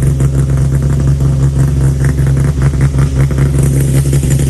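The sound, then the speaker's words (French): A Citroën C2 rally car engine runs loud at a rally start, a steady, throaty idle with a deep rumbling drone and faint rhythmic pulsing that continues unbroken throughout, with no voices. “Énormément de bruit, Citroën C2, et qui restent des véhicules aujourd'hui très, très maniables sur un rallye.”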